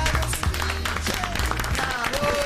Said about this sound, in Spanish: Fuerte el aplauso,